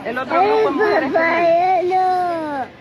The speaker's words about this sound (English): Children in cages, the audio of the children crying after being separated, all a result of the president's zero tolerance policy.